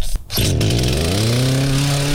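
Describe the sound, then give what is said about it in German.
A chainsaw starts with a brief sputter, then roars steadily at high revs, loud, its droning engine pitch holding and slightly rising throughout, as chainsaws clear away damage left by severe storms the day before. “Die Kettensägen sind in Aktion, denn gestern gab es ja schwere Unwetter und heute werden diese ganzen Unwetterschäden beseitigt.”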